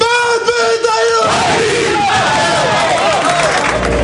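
Athletic football players in their locker room erupt in a loud collective battle cry of "¡Vamos!", opening with a sustained unison shout that breaks into overlapping yelling and cheering, echoing as in an enclosed room.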